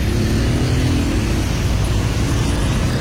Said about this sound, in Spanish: No se mueven los carros. El puente está lleno, saqueado de carros. Sí, el puente, véalo allá.